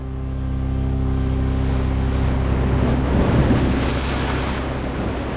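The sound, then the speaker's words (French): A motorboat engine drones steadily with a low, even, loud hum as the boat speeds away from a larger mother ship over heavy ocean swell, while rushing water and gusty wind noise wash over it for the whole stretch, with no voices. “le jeune capitaine, met les moteurs et on s'éloigne rapidement du bateau-mère.”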